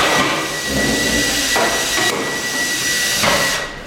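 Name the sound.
hammering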